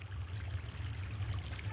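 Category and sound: nature, river water trickling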